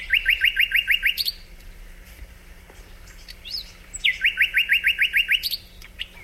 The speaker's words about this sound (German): Und wenn das dann so wie jetzt hier im Frühjahr in Halle passiert, dann verliert der Sprosser komplett die Scheu vor den Menschen. Deswegen konnte ich da auch ganz nah ran und mir den auch mal angucken und natürlich anhören und sogar aufnehmen.